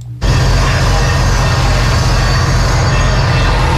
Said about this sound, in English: For almost a century, people have filled Tampa Theater with music, movies, and applause. Today, those sounds have been replaced by the noise of construction.